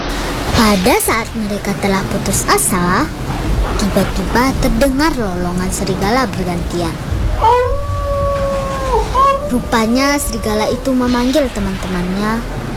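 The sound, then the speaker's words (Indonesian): Wolves howl one after another, calling their companions, long drawn-out cries rising and holding steady, sometimes overlapping, over a constant background hiss. “Pada saat mereka telah putus asa, tiba-tiba terdengar lolongan serigala bergantian.”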